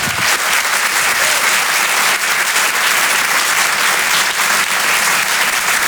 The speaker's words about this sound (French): Je vous demande de l'applaudir lui aussi très fort.